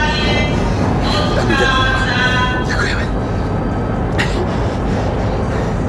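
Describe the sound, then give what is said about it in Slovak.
A train starts to move, its steady low rumble filling the background while faint high squealing tones rise and fade; people talk briefly over the noise. “Vlak sa už pohodne vidíš.”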